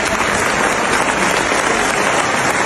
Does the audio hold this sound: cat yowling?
no